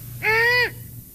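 A female great horned owl gives a single short call, a bright, buzzy note lasting about half a second, heard clearly on its own over a faint low hum.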